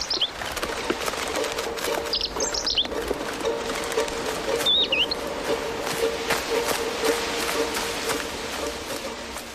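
A robin chirps in a few short, scattered bursts of high, bright notes over a steady outdoor background hum, not loud, with no one talking.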